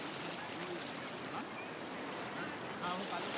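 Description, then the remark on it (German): Steady rushing wash of waves fills the whole clip, with a slight swell near the end, while faint voices murmur underneath. “Aber wenn die Wellen kommen, kriegt er Angst.”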